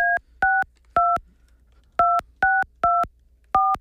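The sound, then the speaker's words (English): A series of loud, clear touch-tone telephone dialing beeps, seven short dual-tone presses in quick succession with a brief pause after the first three, and no one talking. “You want to call them?”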